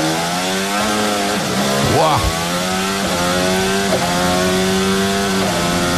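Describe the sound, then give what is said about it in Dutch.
A Formula 1 car's high-revving engine screams steadily on track, its harmonic whine holding pitch with brief dips and sharp pops as gears shift, loud and continuous throughout. “Je hoort die klappen. Het trapt gewoon door, hè?”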